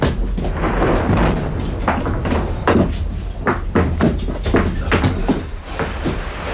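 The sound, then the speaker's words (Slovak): A door being opened amid a rush of noise: repeated wooden knocks and thumps over a steady low rumble, loud, with no clear talking. “Otvorte, otvorte!”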